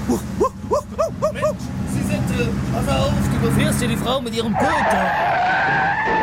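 A car races in with its tires skidding, starting with a string of short squealing chirps that give way to a loud, sustained screech as it comes close.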